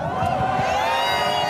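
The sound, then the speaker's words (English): A dense crowd of Spain soccer fans cheers and chants in the street, heading for the center of Barcelona, a loud, continuous roar of many overlapping voices with no pause. “As Spanish players prepared to get their medals, a huge part of the crowd peeled off, heading for the center of Barcelona, thumping their chests and setting off fireworks.”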